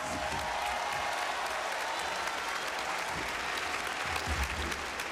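Sustained applause from an audience, a dense steady wash of clapping that holds at an even loudness for several seconds, with no voices standing out.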